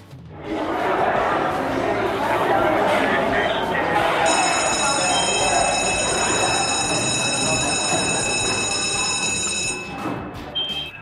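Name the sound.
school bell ringing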